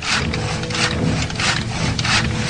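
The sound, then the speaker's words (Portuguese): Someone repairing a wooden chariot in Rome: steady, rhythmic rasping strokes on wood, about four broad scraping pulls like sawing or filing, fairly loud with no voices. “Em Roma, vamos encontrar o escravo Saul consertando uma biga quando Plínio Severus chega de repente.”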